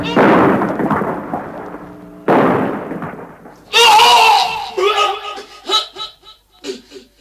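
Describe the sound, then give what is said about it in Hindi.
Two heavy, booming explosions go off a couple of seconds apart, each rumbling and fading, followed by loud, strained voices shouting in short bursts: an enemy bomb landing on an ammunition store beside soldiers loading magazines during a battle. “और इस धमाके से इस योद्धा ने वीर गति पाई।”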